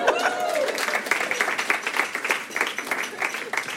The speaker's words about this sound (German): Hier ist unser erster Comedian, macht einmal Applaus.